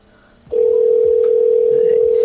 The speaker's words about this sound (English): Still not busy. I wonder if they can, like, not hear it ringing or something.